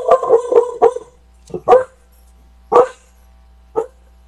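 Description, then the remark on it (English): A female dog barks as a pool worker shows up, a quick burst of four sharp woofs, then a few more spaced-out barks, loud, with no talking. “Pool guy shows up. So my dog is acting.”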